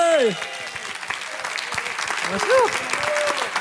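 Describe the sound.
Steady applause from an audience welcoming a performer onto the stage, a dense patter of many hands clapping throughout, with a couple of brief voices whooping or calling out over it.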